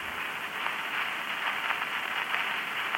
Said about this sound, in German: Aber in der 255. Stunde gab es eine erste Veränderung. Das Rauschen steigerte sich.